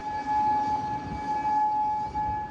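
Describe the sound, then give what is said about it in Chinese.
A steady air raid siren in Kuwait, sounding amid missile and drone attacks from Iran, wails on a sustained, unwavering tone with faint higher overtones, droning continuously over a low rumbling background with no speech. “在科威特，防空警报无日无之，军方忙于应对来自伊朗的导弹和无人机袭击。”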